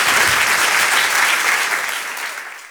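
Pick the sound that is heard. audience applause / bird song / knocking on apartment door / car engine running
audience applause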